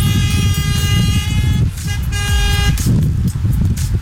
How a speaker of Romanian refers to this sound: mulțumim pentru claxon. Flash-uri, flash-uri, claxoane. Da, și flash-uri, dați claxoane. Incredibil, incredibilă primirea noastră la Sibiu.